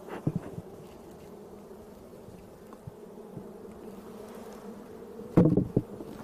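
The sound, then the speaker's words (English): A dense, steady drone of many honeybees humming together around a beehive being opened by a beekeeper using smoke and a hive tool, with a few louder buzzes as individual bees pass by near the start and end. No one speaks. “We're gonna use this to open up the hive because they like to glue the lid down with wax.”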